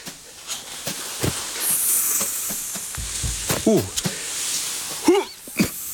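A snake named Ormis hisses and writhes while being caught with a forked snake stick, a rake and a bucket, in a steady, breathy wash that flares brighter for a moment, broken by sharp thumps and a few short, squeaky vocal sounds. No words are spoken.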